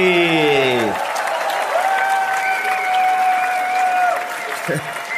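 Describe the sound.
A crowd applauds in a dense, steady wash of clapping for about five seconds, with voices and a long held whistle-like tone rising above it before it tapers slightly at the end.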